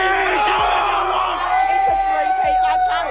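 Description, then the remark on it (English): A dense crowd of Brisbane Lions football fans roars and cheers continuously in Melbourne after the Lions defeated the Dockers at the MCG, overlapping shouts and yells forming a loud, steady wall of noise, punctuated by a few deep thumping beats. “Lions fans have been roaring through the night in Melbourne after the Brisbane side defeated the Dockers at the MCG with 4 goals in the final 4 minutes.”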